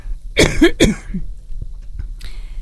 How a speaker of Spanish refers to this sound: Discúlpenme. Bueno, están acostumbrados a mi tos, así que no te preocupes.